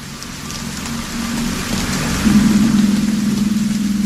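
Steady rain hisses across a broad wash of sound while a low, sustained droning tone hums beneath it, swelling louder near the end of the piece. No voices.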